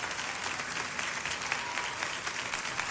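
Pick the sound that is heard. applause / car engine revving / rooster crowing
applause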